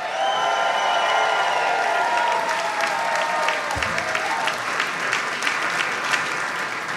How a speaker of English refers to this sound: Please give it up